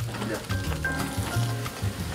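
Pork belly sizzles steadily on a hot grill, a continuous hiss dotted with small crackles and pops, with a low background hum and murmur underneath.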